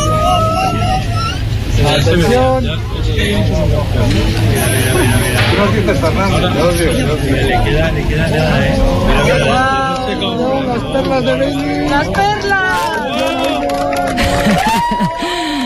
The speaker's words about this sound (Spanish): Este era el momento. Así hemos despedido la totalidad en el Observatorio de Yebes entre aplausos, lágrimas y abrazos.